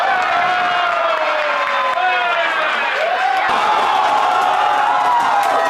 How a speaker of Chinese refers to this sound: 在球迷们的欢呼中，这场异常精彩的比赛结束了。现在呢是上午的8:45，我们看到球迷们也都不舍离开，比赛实在是太精彩了。